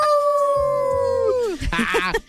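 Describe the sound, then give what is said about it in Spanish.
A husky lets out a long, steady howl that slides downward and fades, with lower dog voices joining beneath it, followed by a brief burst of a person speaking. “Oye, ¿cómo se llaman los perritos que parecen lobos? Los Husky. O los Alaska.”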